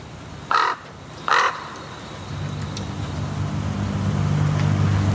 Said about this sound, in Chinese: 现在这里有两只乌鸦，我觉得他们可能是这片领地的主人。 最初几天，这两只乌鸦十分警惕，他们停在树上观察这位生物学家。